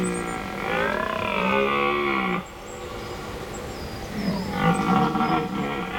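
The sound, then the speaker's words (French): A red deer stag (Cervus elaphus) bellows twice at night in the middle of a forest: a long, deep, groaning roar with rich harmonics, a brief pause, then a second rougher bellow. Loud, with no voices. “J'y suis ! C'est le cerf Elaf. Le Cervus Elaphus en latin.”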